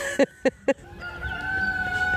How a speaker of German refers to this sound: Und ein Hahn, der kräht. Davon haben wir mehrere.